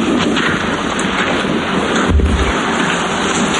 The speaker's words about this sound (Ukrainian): Поряд грюхкає, бахкає. Але вона каже, вже звикла до вибухів.